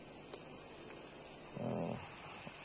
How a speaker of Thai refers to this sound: เสียงไอ้อุปสรรคสุนัขนี่มันเป็นอุปสรรคต่อเสียงธรรมะแต่ว่ามันไม่เป็นอุปสรรคต่อใจของเรา